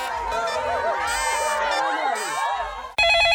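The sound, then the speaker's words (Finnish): A telephone rings on an Atria grilling advice hotline over a busy wash of crowd chatter, with a louder, sharp electronic ring cutting in abruptly near the end. “Grillaajan tulikuuma linja. Atrian makulähettiläs puhelimessa.”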